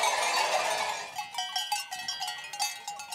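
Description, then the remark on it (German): Many small bells clank and jingle irregularly as a sheep flock arrives at night during the seasonal drive down to the valley, a dense metallic clatter at first, then thinning into scattered, rhythmic bell strikes with no talking. “Jetzt kommen sie in der Nacht, die Schafe.”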